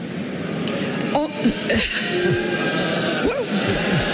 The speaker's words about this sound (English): Oh. Wow. They booed her. Okay. I struck a chord.